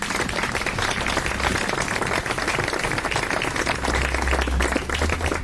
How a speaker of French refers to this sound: Et c'est un ensemble professionnel de musique de chambre que j'ai l'honneur de co-diriger avec 2 musiciens qui vont apparaître très vite sur la scène et que vous pouvez applaudir.